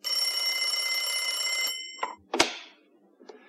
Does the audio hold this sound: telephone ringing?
yes